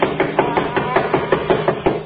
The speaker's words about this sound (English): I'll do the knocking. Doesn't seem to hear us. Oh, he'll hear me.